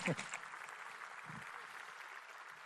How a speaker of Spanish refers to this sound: Pueden dar un aplauso porque estamos celebrando a la persona.